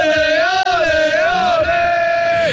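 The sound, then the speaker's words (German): A loud crowd of football fans chants in unison, holding one long, steady sung note with slight rises and dips for a couple of seconds, backed by a dense roar of voices. “Wir lassen da auch ein bisschen rein, wenn es tönt, wenn du jubelst. Ole! Ole!”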